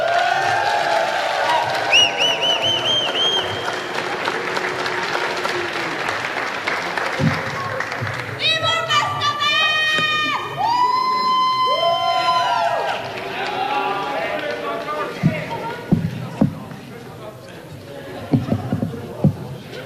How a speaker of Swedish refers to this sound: ge henne en varm applåd.